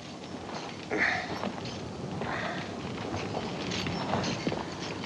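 A horse's hooves plod along at a slow walk, with irregular thuds and scuffs over a steady wash of outdoor background noise and no voices.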